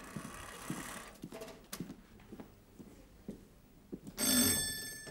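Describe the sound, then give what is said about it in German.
After several soft knocks and thumps, a doorbell rings once, a bright, loud, metallic buzzing ring of about half a second near the end, rung at a door during a role-play of selling a lawnmower door to door. No one speaks. “Ja, und klingeln da, sind klingeln da drauf, bitte.”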